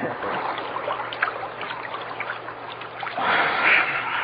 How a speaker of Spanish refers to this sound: Muy fresca y muy sabrosa, señor. Tenía usted razón. Un poco de agua en la cara y en la cabeza, pues, refrescan bastante.